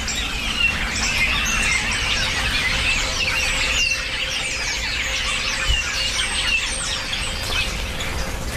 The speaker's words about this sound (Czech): No, to je nějaký hejno, oni se teď dávají do těch hejna, těší se na třešně, které ale nejsou, tak chodí hodně po pastvinách a sbírají hmyz tady, co je kolem krav. Já takhle zvednu mikrofon, protože věřím, že to bude slyšet.